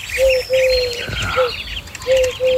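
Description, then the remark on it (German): A dove gives a series of low, steady hooting coos in a repeating rhythm, with higher chirping birds twittering faintly in the background. No one speaks. “Die Taube war für uns aber wirklich so ein ganz klassischer Totenvogel, denn sie ruft...”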